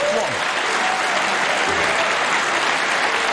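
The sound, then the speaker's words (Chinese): Steady audience applause at a snooker World Championship match, with spectators supporting player Wu Yize after a good shot. A dense wash of clapping at fairly loud, even level, with faint voices murmuring underneath. “现场的观众我能听得出来啊，他也观众也很支持武一泽。”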